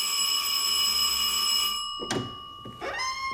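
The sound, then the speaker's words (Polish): A doorbell rings with a steady, harsh electric buzz for nearly two seconds, then two dull thumps, and the buzzing tone starts again, sliding up in pitch. No one speaks. “Już miałem stracić kwadrans na lekturę mojego nowego bezradnika inteligenta, kiedy ktoś zadzwonił do drzwi.”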